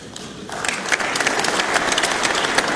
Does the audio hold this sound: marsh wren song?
no